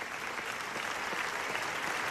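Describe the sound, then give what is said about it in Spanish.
A large crowd applauds continuously, a dense, steady wash of clapping with no pauses, sustained at an even, fairly loud level throughout: a standing ovation at the Venice Film Festival for the directors of NAFA, a documentary about the genocide in Gaza, the longest ovation in the festival's history, nearly 25 minutes. “No, los aplausos son para los directores de NAFA, el documental del genocidio en Gaza que ha recibido la ovación más larga de la historia del Festival de Cine de Venecia.”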